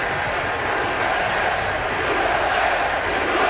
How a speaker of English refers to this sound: And as President George W. Bush confidently strode to the top of the mound wearing an FDNY quarter zip to throw out the first pitch, the New York crowd unleashed a loud, cathartic roar.